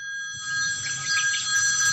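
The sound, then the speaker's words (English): A telephone rings with a steady, high electronic trill that holds for the full two seconds, fairly loud, with no voices. “Hello, is this a phone call?”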